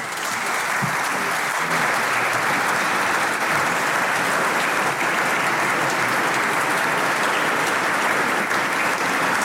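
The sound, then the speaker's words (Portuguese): Sustained applause from the PS and PSD benches in the Portuguese parliament, a dense, steady clatter of many hands clapping at once with no pauses, fairly loud and even throughout. “Aplausos da bancada do PS e do PSD.”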